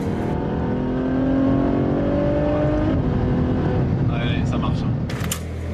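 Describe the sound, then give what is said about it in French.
The V12 of a Ferrari F12 Berlinetta tuned by Novitec, with a large aftermarket exhaust, roars loudly at the 500 Ferrari contre le cancer event, its pitch climbing in a sustained rev before dropping back to a rumbling idle, with a murmur of voices in the background. “Mais il y a surtout un énorme échappement qui fait hurler son V12.”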